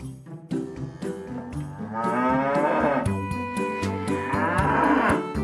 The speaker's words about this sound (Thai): เสียงวัว